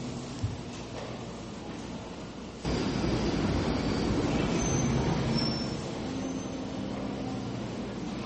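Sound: subway train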